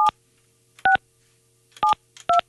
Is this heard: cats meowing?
no